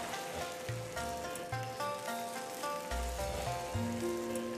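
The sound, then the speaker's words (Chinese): A steady, crackling sizzle of a sauce-flavoured duck dish in a hot wok runs throughout as the dish is lifted out, with soft instrumental music playing over it and no one speaking. “我们可以出锅了。”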